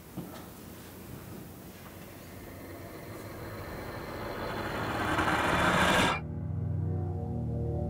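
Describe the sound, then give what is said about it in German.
Train station ambience in the above-ground passage from the Tränenpalast to the station: a broad rumbling roar of a passing train swells steadily louder for several seconds, then cuts off abruptly, leaving a low, steady engine hum. “Der oberirdische Durchgang vom Tränenpalast zum Bahnhof.”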